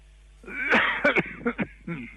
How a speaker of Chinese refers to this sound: 我刚才听咳嗽了，怎么了？嗓子不舒服吗？